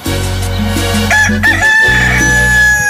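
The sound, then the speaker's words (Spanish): A rooster crows loudly, one long, wavering cock-a-doodle-doo that rises and stretches out, over a steady low humming background. “¡Ah, qué chulo canta mi gallo, eh!”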